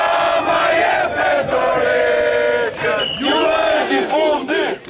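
A large protest crowd at the government palace in Tirana, Albania, chants loudly in unison "Rama resign, your departure is near", voices merging into a sustained roar with rhythmic rising and falling phrases and brief dips between shouts.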